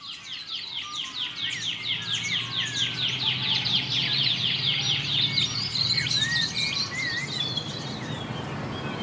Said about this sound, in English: I can hear the partalote, but that sort of pew, pew, pew, pew. Yeah, I think that might be a shining bronze cuckoo. Ah. Because they got lots of different calls.